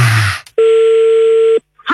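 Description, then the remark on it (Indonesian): A single steady telephone tone sounds loud and clear for about a second, following a brief rustling noise, then cuts off into silence, as a phone call is placed again. “Kita coba lagi telepon.”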